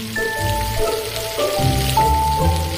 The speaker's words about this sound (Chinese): 将排骨和鸡腿先后入锅油炸，高温使食材快速定型，泛出的朵朵油花都带着肉汁的香味。